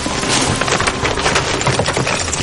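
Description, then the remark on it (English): A dense, continuous clatter of many hooves as ewes (female sheep) scramble over rocks on their way to the water, with sharp knocks and scrapes tumbling over one another at a fairly loud, steady level. No voices. “Listen carefully, though, and you'll hear the sounds of the ewes, the female sheep, scampering over the rocks as they head to the water.”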